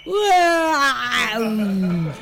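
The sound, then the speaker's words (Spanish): A single long, loud roar imitating a lion, rising at first and then sliding gradually lower over about two seconds, alone, with a voice-like tone. “El rugido del león.”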